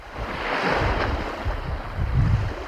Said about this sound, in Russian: Стоим мы у подножья Синовецкого маяка. Ну, наверное, в метрах в 10 от нас, наших ног, плещет Ладога.